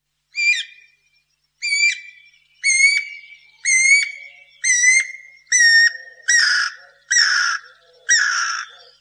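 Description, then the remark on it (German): A guira cuckoo gives a series of nine loud, whistled calls that speed up and turn harsher and raspier toward the end, with no talking. “der Vogel heißt Guirakukuk, ist also ein Kuckuck.”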